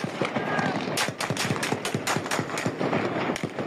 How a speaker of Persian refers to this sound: ساعت 10 که میشه شروع میکنن به تیراندازی، اصلا نگاه نمیکرد، کلاشو میگرفت راست همونطوری کلاشو میگرفت سمت چپ.